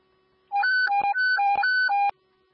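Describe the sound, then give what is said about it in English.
Fireground evacuation alert tones sounded by fire command to withdraw crews amid heavy smoke: a loud electronic two-pitch warble rapidly alternating high and low for under two seconds, punctuated by sharp clicks, with no voices. “You sound the tones. We're gonna evacuate and reassess.”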